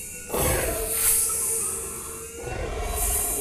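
A huge beast, a basilisk, a big serpent-like creature, emerging from a bamboo grove near a wash-house in Rabastens, lets out a deep, rumbling roar mixed with a harsh hiss, loud. It swells twice over a few seconds with a grinding, growling texture and no voices.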